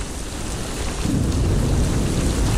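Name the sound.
rain with thunder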